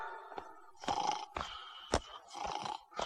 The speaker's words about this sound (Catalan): Si està roncant!